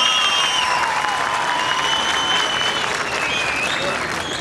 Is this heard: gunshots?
no